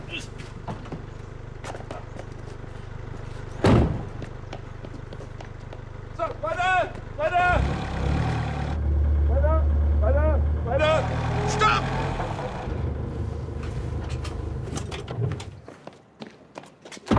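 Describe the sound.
An expensive car's engine rumbles low and steady for the whole stretch as it is guided slowly into a parking spot, rising in strength midway as it creeps and shifts, while several people talk over it and a few sharp knocks punctuate the drone.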